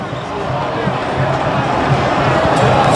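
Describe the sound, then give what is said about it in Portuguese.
A dense, steady wash of crowd noise fills the whole stretch, with overlapping voices and scuffling commotion, loud and unbroken, as Pelotas supporters in the stadium stands run about and disperse while riot police search them. “E agora começou o corre-corre!”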